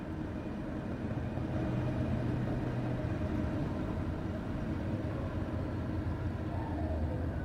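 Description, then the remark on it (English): A train rolls past, a steady, heavy rumble and roar that holds at the same loudness throughout, with faint metallic whining tones riding on top and no voices. “just the other side of this train.”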